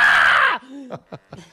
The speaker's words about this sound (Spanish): ¡Ay, cómo me encanta el grito! ¡Ah!